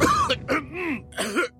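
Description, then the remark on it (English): A run of dry, raspy coughs, about three harsh bursts in quick succession, fairly loud with no talking around them. “Laban sa dry non-stop ubo, kati sa lalamunan due to post-nasal drip at sakit sa kakaubo.”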